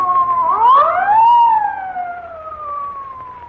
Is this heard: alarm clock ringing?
no